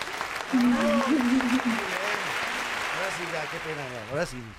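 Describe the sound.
Steady applause from a small group fills the studio of the sports programme All Sports throughout, as the hosts stand to applaud their guest, with several voices talking and calling out over the clapping.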